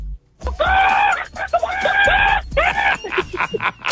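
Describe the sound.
On a Power FM radio show, a person imitates a chicken with three loud, drawn-out squawking calls, followed by a quicker run of short, choppy clucks toward the end.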